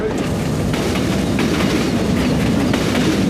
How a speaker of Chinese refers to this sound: 在整个国家飞驰向前时，几十年如一日的慢火车在默默传递着一个信号：中国式现代化发展的道路上少不了这样看似缓慢的东西。